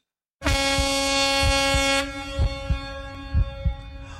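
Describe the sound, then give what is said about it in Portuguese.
A loud, sustained truck air horn blares for about two seconds, then cuts down to a quieter lingering tone, with deep rhythmic thumps pulsing underneath throughout. “Cadê meus amigos caminhoneiros da Top Brita Buzina, meninos?”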